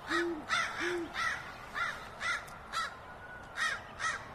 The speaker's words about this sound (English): Ooh, a crow's going to harass it, too. Because owls will take almost anything, including baby birds.